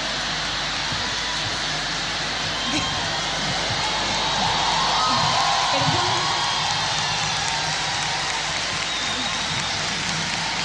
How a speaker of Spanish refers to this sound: Un fuerte aplauso.